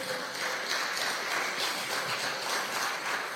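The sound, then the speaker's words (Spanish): An audience applauds in praise of God, with dense, steady clapping that holds at an even, fairly loud level for a few seconds, with no voices rising above it. “Dele gloria a Dios, dele aplauso a nuestro Padre.”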